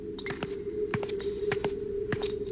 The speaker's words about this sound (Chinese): 夕颜突然扬起脸笑了起来，在他凌厉的笑声中，从山洞的一隅传过来一个人的脚步声。